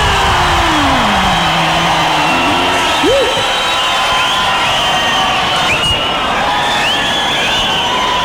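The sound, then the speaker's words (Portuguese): A live audience applauds and cheers a music duo in a steady, dense wash of clapping and crowd noise, with a few raised voices and whistles rising above it throughout. “Eu queria que vocês aplaudissem com muito carinho a dupla”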